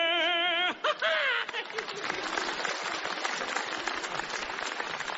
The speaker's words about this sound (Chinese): 大家不要鼓掌了